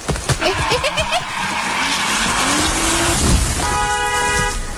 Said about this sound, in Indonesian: Ya ampun, untung aja Papa cepet ngeremnya. Alhamdulillah.